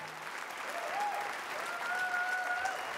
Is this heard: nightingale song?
no